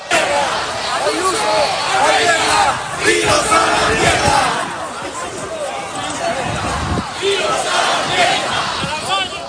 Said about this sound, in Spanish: Como puedes escuchar, Ángel, gritos contra el gobierno regional de la Comunidad de Madrid. La manifestación sigue avanzando